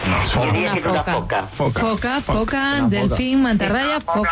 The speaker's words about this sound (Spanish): Foca monje, dice Arco. Bingo para la foca. Venga, foca monje.